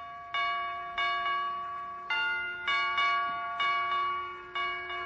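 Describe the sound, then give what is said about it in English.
A door chime, pressed by Dr. Gamble in Wistful Vista, plays the funeral march in slow, solemn bell-like tones. Each note is struck clearly and left to ring, about eight notes in an uneven, dirge-like rhythm, with no voices. “Boy, what a sensitive door chime.”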